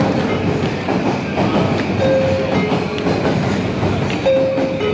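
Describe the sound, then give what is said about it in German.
A train rumbles steadily through Shinjuku Station in Tokyo, Japan, the world's busiest station, dense clattering noise filling the space, with brief tonal squeals or chimes cutting through twice. No one speaks. “Der Bahnhof Shinjuku in Tokio, der verkehrsreichste der Welt.”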